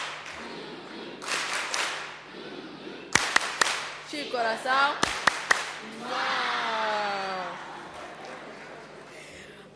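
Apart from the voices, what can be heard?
audience applause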